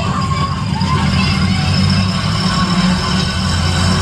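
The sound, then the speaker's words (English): A mosquito spray truck runs with a steady, unbroken roar: a low engine rumble beneath a constant broad hiss of spraying, holding an even loudness throughout with no voices. “Adam says, the sound of an insect spray truck, which, can you tell me more about that?”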